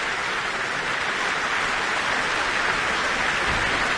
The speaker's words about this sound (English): And that applause is for conductor Jaime Martin.